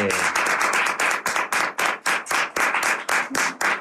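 Lively applause: a small group claps together in a fast, steady rhythm to welcome back someone who has returned, each sharp clap clearly separated, sustained for a few seconds with no voices.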